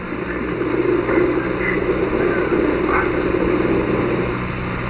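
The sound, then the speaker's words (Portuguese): A steady, dense roar of wind buffeting the microphone during a parachute descent toward a landing strip, heavy in low rumble with a constant hiss on top, holding at an even loudness for the full five seconds with no voices. “Não, vento. Isso é o vento, né?”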